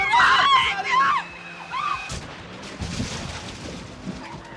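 A speeding car's brakes screech in a loud, high wail for about a second, then fade before a sharp crash rings out, followed by a rumbling, clattering aftermath that slowly settles.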